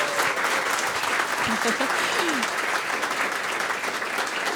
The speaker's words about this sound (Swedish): Vi kan väl ge dem en applåd också.